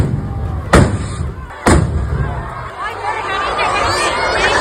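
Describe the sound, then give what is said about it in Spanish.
Two sharp, loud firework rocket explosions go off about a second apart at the festival opening rocket launch in Noáin, Navarra. Rockets whose fuses were lit by sparks from the first two explode on the town hall balcony and over the crowd in the square, ringing out over the steady murmur and shouting of the large crowd. “Pues era el momento en que las mechas de varios cohetes que se iban a lanzar se han prendido con las chispas de los dos primeros y han estallado en el balcón del ayuntamiento y sobre la multitud que se congregaba en la plaza.”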